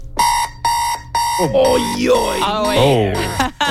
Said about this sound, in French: Aïe, c'est l'alarme de mes parents, ça, quand j'étais jeune. Oui, exactement. Ça, c'est l'alarme qui j'utilise chaque jour dans l'école.